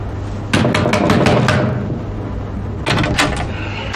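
Repeated heavy bangs on a hotel room door, a rapid burst of about six blows, a pause, then a few more, loud against a low steady hum.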